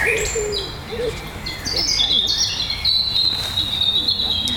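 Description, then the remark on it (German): A European robin sings clear, high, warbling phrases that rise and tumble in quick succession, loud over a steady low background rumble. “Ja, genau. Rotkehlchen.”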